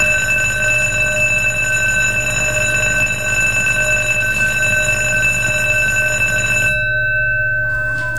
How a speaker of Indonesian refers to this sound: Tapi setiap kali bel itu berbunyi, saya melihat wajah anak-anak itu.